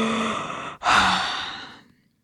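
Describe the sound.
A long, breathy yawn made by a human voice for a rooster sitting high up on its perch: a drawn-in breath, a brief pause, then an airy exhale that slowly fades, fairly soft.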